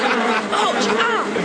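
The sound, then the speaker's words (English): A dense, loud swarm of wasps turning to give chase, buzzing continuously, a thick droning hum with warbling rises and falls running through it from start to finish. “The wasps are turning.”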